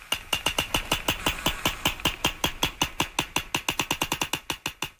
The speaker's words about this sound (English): This is called echolocation, or biosonar, and sperm whales use echolocation to find their food. And this is the sound they make to do that.